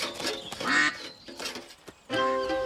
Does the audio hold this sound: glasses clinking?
no